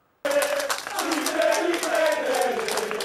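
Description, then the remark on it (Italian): A crowd bursts into loud, sustained applause, a dense rattle of many hands clapping at once, with some voices cheering underneath, continuing steadily after the sudden start, greeting news that the Juve Stabia football club is saved. “Due mesi di paura spazzati da un applauso.”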